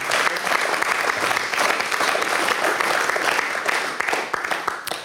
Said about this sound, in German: Applaus für Robert Stadlober.